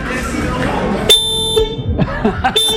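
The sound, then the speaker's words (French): A Citroën 2CV car horn, pressed by a man, gives a loud, buzzy half-second honk, then sounds again briefly at the very end, with people talking before and between the blasts. “Ça fait longtemps que j'ai plus entendu le bruit d'un klaxon d'une deux doches.”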